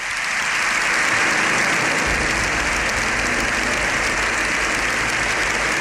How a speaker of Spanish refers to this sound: El aplauso de los diputados y senadores se ha extendido unos 7 minutos. Es el más largo que se recuerda en sede parlamentaria.